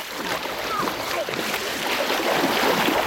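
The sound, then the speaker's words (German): Continuous splashing and churning water as a training group wades into the water and starts swimming across toward the Kamelbrücke, a busy rushing texture throughout with faint voices mixed in behind. “also wir gehen jetzt hier rein, schwimmen rüber bis zur Kamelbrücke und dann laufen erstmal am Treidelweg bis zum Prerau in etwa 1 Kilometer.”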